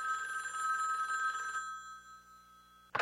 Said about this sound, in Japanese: 2週間後、真夜中に電話が鳴りました。